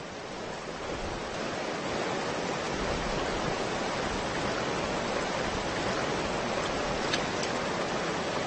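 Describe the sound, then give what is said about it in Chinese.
A steady, dense roar of rushing water from a waterfall that salmon must leap to reach their spawning grounds, loud and continuous without pause or change, filling the whole scene with no voices present. “抵达产卵地，它们都必须越过瀑布。”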